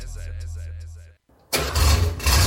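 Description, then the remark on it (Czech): An old classic car engine cranks with a low, rhythmic churn, falls silent for a moment, then roars to life loudly, settling into a rough, rumbling run. “Tohle je zvuk, který nestárne.”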